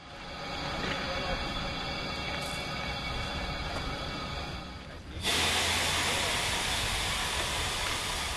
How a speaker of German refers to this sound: Unser Zug wird zur Weiterreise umrangiert. Unsere MA 403 sehen wir erst ab Gällivare wieder. Als Zuglok bekommen wir ab hier eine Diesellok, eine Nohab TMZ 109.